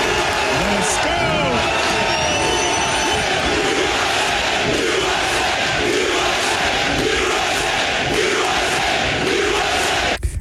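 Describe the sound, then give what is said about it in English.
A large crowd of Team USA fans at a 2026 FIFA World Cup match in Seattle roars and cheers continuously, a dense wall of many voices with shouts rising above the steady din, loud throughout and fading slightly at the end. “So nice to see a crowd that's pro-America in Seattle.”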